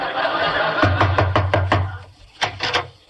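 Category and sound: impact, knocking on a door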